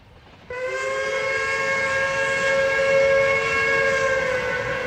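A Bundesbahn Intercity train whistle, on the 12:30 night run from Bremen to Fegesack, bursts in after a brief quiet start and holds one loud, steady, reedy chord-like tone to the end, with low rumbling noise underneath and no voices.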